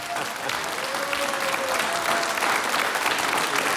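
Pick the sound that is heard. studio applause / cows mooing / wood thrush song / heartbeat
studio applause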